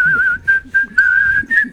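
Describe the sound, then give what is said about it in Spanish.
A clear whistled melody from the Kill Bill film soundtrack, sustained tones with slight wavers broken into short phrases by brief pauses, with faint low background rumble underneath. “Porque cuando aparece en Kill Bill el silbidito, mamita querida.”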